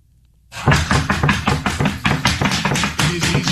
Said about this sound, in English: Body camera video shows federal agents pounding on the door at Nutrition Bar Confectioners in Cato until a company official with a key opens the door.